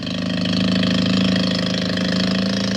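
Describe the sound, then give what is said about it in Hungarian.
A small motorboat engine runs steadily as the little boat speeds across the sea in a fresh sea wind, a continuous droning hum with a low rumbling pulse that holds at an even loudness throughout, with no voices. “Itt lenni vele, szorosan mellette, kettesben a száguldó kis hajón a friss tengeri szélben.”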